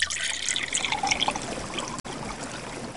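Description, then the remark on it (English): Water wells up from a small hole dug in the ground with a stick, trickling and bubbling steadily in a continuous bright gurgling flow with a brief break near the end before it resumes. “Beautiful, clear, shining, pure water, a fountain, sprang up from the earth.”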